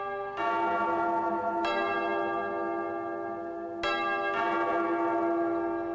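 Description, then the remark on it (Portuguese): A church bell rings loudly, with several strikes whose rich, sustained tones overlap and hum on between hits. No voices are heard. “De novo, toca o sino.”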